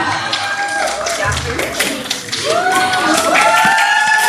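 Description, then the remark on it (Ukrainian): An audience applauds with dense, scattered clapping that builds and grows louder partway through, while several voices call out and talk over it. “Оплески, оплески!”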